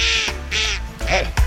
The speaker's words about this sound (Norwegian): Det er en uskikkelig and som går ned på bryggekanten her.